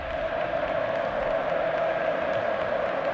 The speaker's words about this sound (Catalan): Nois, aquesta és l'ovació que el Camp Nou dedica a Pedro, Pedrito, Pedro.